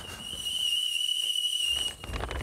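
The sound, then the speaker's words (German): A tea kettle whistles steadily on a high, sustained tone with faint harmonic overtones for about two seconds, then cuts off, leaving soft low rumbling and hiss behind. “Oh, ich höre den Teekessel schon pfeifen.”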